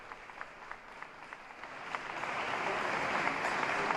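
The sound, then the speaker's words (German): Friendly applause inside a cathedral greeting Pope Leo on his arrival, starting as scattered individual claps and swelling into steady, dense clapping from the crowd, growing louder over a few seconds, with no voices over it. “und auch hier in der Kathedrale wird er nun mit freundlichem Applaus begrüßt und bekreuzigte sich zunächst mit Weihwasser und besprengt nun auch die Umstehenden mit dem Weihwasser.”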